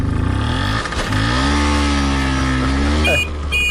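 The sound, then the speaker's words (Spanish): A small 50cc Vespino moped engine runs loud, its buzzing note rising and falling as the throttle is revved, with a brief higher whine near the end and no voices. “Él iba viajando, y atención, en una Vespino de 50 centímetros cúbicos.”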